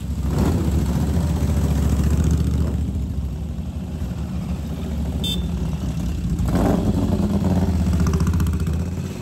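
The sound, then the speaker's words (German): A 1932 Moto Guzzi P175 motorcycle, the first Moto Guzzi built with an overhead-valve engine, runs steadily: a deep throbbing idle with a couple of swells in revs, loud and continuous with no voices. “Es ist das erste Motorrad, das Moto Guzzi mit einem Motor mit oben liegenden Ventilen gebaut hat.”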